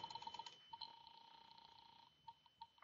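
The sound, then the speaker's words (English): A rapid run of small mechanical clicks, like a telephone dial turning and returning, repeats in short bursts with a faint steady tone underneath; fairly quiet, with no voices, as someone dials to phone the landlady. “All right. I'll phone the landlady.”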